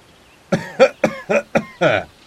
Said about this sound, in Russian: Странный звук нарушил тишину. Дик с Джоном не сразу догадались, что он означает. Кашлял человек, их незримый сосед, который находился где-то неподалеку от развалин дома.